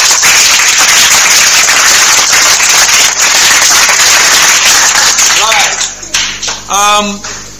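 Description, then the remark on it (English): A loud, dense burst of applause for a student who answered a quiz question, with rapid, crackling claps that continue for several seconds, then fade as a few voices rise and call out at the end. “A round of applause for her.”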